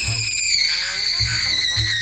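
A loud, sustained, high-pitched scream holds steady for about two seconds, with what sounds like two voices shrieking together close to the microphone and no pause.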